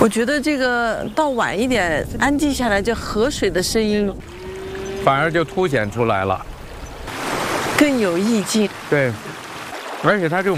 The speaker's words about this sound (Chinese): 我觉得这个到晚一点，安静下来，就河水的声音， 反而就凸显出来了， 更有意境。 对，而且它这种白噪音，让人睡眠会特别踏实。